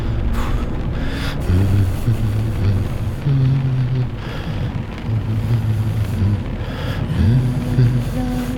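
A car drives steadily along a highway at night, with a constant rumble of tyres and wind and a low engine drone that rises and falls slightly, continuous throughout.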